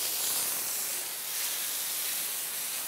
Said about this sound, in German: Im Polarium nimmt die Arbeit heute kein Ende. Ich spritze jetzt bei den Pinguinen raus dazwischen, weil die ja doch sehr viel Dreck machen.